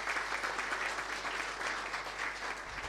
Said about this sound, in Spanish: Dicen que también nos acompaña la concejal María Constanza Chacana, que está por ahí. Un aplauso para ella también.